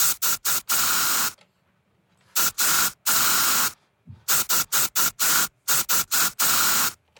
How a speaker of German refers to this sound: Der Spreedosen-Song. Das Sprühdosenlied. Ich glaube, ich habe euren Deo-Song erkannt.